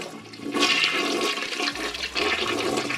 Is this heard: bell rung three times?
no